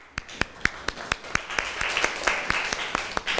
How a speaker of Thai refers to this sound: ขอบคุณค่ะปรบมือให้เพื่อนหน่อยค่ะ